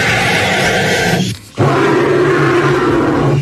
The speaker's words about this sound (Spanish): ¡Os he engañado! ¡Los dos son pájaros!